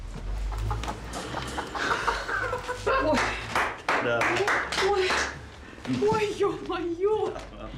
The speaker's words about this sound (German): Das ist ein Pawlowskaja-Huhn. Das ist eine alte russische Rasse. Die verträgt bis zu minus 40 Grad.